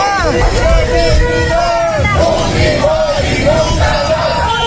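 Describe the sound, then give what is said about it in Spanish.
A large crowd of protesters in Huancayo chants "Fujimori nunca más" in unison, many raised voices rising and falling in a steady repeated rhythm, loud and continuous over a dense hubbub. “Fujimori nunca más. Así están gritando.”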